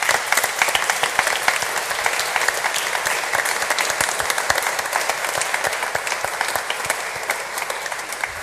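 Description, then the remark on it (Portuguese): An audience applauds with dense, steady clapping from many hands, loud and sustained for several seconds without a pause, with no voices heard over it. “E para todos aqueles que estiveram assim, com o coração generoso a dar de si, do seu tempo e dos seus dons, a nossa gratidão com uma grande salva de palmas.”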